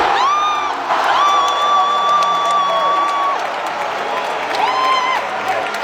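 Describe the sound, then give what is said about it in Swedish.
A loud crowd cheers and applauds without letup, a dense roar of clapping and voices, with long, steady high-pitched shouts or whoops rising above the noise several times. “Nej, det var sorgligt, euforiskt. Alltså, sjukt glädjescener.”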